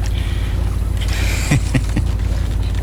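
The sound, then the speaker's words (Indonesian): Steady low rumble of a bamboo raft boat (perahu getek) on water as the boatman paddles it, with a few soft splashy knocks near the middle that could be a paddle dipping in, and light wind in the background. “Jadi hari ini saya tetap mengayuh. Kalau begitu, saya ini penumpang perahu getek Bapak yang pertama dan terakhir.”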